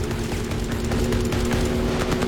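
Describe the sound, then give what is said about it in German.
A loud, steady engine roar with a droning hum underneath as motorboats race at speed straight toward the listener, growing slightly louder partway through. No one speaks. “Doch plötzlich rasen Motorboote auf mich zu.”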